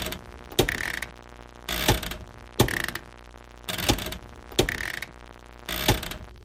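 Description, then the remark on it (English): A household washing machine's on-off switch is pressed again and again, recorded as raw material for an album, six sharp plastic clicks, each with a short mechanical clunk, spaced about a second apart over a low steady hum. “The on-off switch.”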